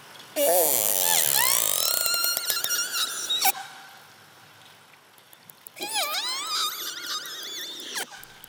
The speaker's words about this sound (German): Okay, diese hohen Quietscher, was war das für eine Information? Also ich würde das eher emotionaler Ausdruck nennen, weil das sind bestimmte Laute, die sie vielleicht auch anders unter einem anderen Kontext benutzen.